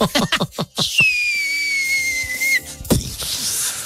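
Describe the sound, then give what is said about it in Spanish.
A loud, shrill whistle blast used as a comedic effect, held steadily for about a second and a half, following a quick run of short percussive bursts, then cut off by another sharp burst. “No, llegó el momento de que la prima me truene el chiflador.”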